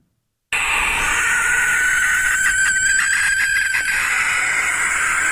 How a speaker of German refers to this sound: Es gibt ein Schlusslicht im Ranking der vorgespielten Vogelstimmen, und zwar ist es die Schleiereule, die ein sehr schrilles Kreischen hat, und das klingt dann am Ende ungefähr so.